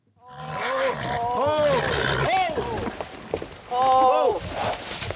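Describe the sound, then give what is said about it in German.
A spooked horse thrashes on a horseback trip through the wilderness of the American West. It is frightened by a small tree it has dragged behind it. Loud rustling and scraping come as the tree is dragged along, with rising and falling calls over the commotion and a second burst of noise near the end. “Jetzt hat er einen kleinen Baum hinterhergezogen. Und da fürchtet er sich.”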